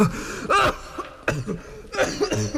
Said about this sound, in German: Nein, nein, nein. Ich würde doch nicht vom Husten sterben.